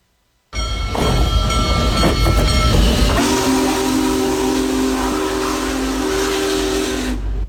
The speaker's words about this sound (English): Many people enjoyed the Union Pacific Big Boy Tour featuring America's most powerful steam locomotive as it traveled through Hancock County and other counties on Saturday as part of its coast-to-coast tour to celebrate America 250.